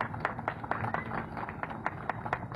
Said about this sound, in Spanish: Fuerte los aplausos.